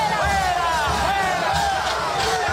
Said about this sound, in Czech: Dav směřující ulicemi Buenos Aires k sídlu hlavy státu zvaném Casa Rosada volal po odstoupení prezidenta.